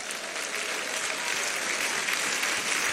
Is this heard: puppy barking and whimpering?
no